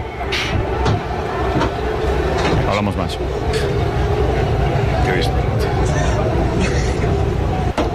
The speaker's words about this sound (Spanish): autobús del Real Madrid, en el que se percibe la lluvia de objetos a centenares de metros del Estadio del Camp Nou. Vamos a emitirlo ya para que se pueda ver. Ahí está. Desde el interior del autobús.